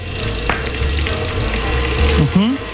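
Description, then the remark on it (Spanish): An electric mixer beats cream cheese at high speed for a banana and cajeta mostachón, whirring steadily with a constant buzzing motor drone and a gritty, churning texture, while a voice briefly speaks over it near the end. “Velocidad alta para que se empiece a hacer cremosito.”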